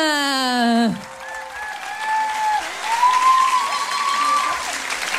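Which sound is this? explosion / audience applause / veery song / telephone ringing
audience applause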